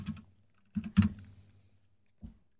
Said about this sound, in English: Well, it's just the sound of me typing.